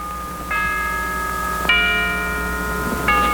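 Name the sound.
church bell ringing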